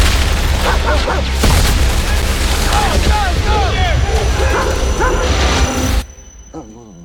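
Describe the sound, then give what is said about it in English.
A dog barks repeatedly amid a dense, loud din of booms and gunfire-like blasts, the chaotic scene cutting off abruptly near the end; from the trailer for the film Heart of the Beast, whose dog Owen was a combat scouting dog. “Owen was a combat scouting dog.”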